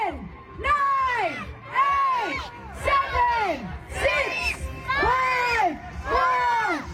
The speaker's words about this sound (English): Kaya't sa kompetisyon, sa loob lamang ng 4 minuto, nagpaligsahan ang 10 kalahok sa paramihan ng makakain na lumpia. Hindi lang mga Pinoy ang sumali. At sa bawat nguya, kasunod ang hiyawan at suporta ng mga manonood sa kanika nilang mga pambato.